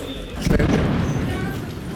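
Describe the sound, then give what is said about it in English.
A sudden low, heavy boom from an explosion during a Russian drone attack on a city erupts and rolls on as a rumbling decay, not far away and loud, with a little air defense firing and a faint background of voices or street noise. “There's another explosion, and we also can hear a little bit of air defense going off.”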